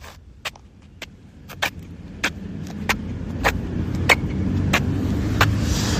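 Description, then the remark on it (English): Short scuffing footsteps of a person shuffling in baby steps along the pavement of Queen Street, the main street of Masterton, early in the morning, land in a quick, fairly even rhythm, about ten of them, over a steady low rumble of street traffic that grows louder toward the end. “I'm shuffling my feet so it makes for good sound effects on the radio.”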